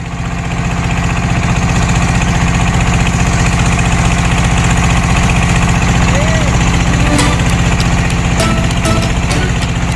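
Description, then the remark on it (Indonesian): The motor of a ketek river boat runs steadily and loudly, a constant throbbing drone with a rapid putter, on a river trip from Sungsang Port at Tanjung Api-Api toward Sungsang 4 village, Banyuasin, South Sumatra, Indonesia. Heard continuously with no pauses or speech. “Perahu ketek menjadi sarana tercepat perjalanan sungai menuju desa Sungsang 4 dari Pelabuhan Sungsang di Tanjung Api-Api Banyuasin, Sumatera Selatan.”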